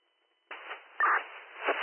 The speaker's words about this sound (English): you're all static, try again.